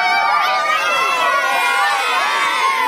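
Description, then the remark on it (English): A huge crowd of thousands roars and cheers continuously at River Stage in Brisbane, welcoming home the Brisbane Lions after their three-peat premiership, a dense wall of overlapping shouts and high-pitched screams that stays loud and steady throughout. “Thousands roaring to catch a glimpse of their three-peat heroes.”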